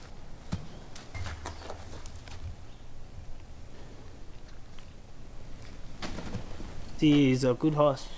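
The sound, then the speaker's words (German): Scattered hoof thuds and shuffling movement on the ground from a wild stallion being tamed, irregular, with a low rumble early on; a voice speaks briefly near the end. “Das ist ein gutes Pferd, nicht verrückt.”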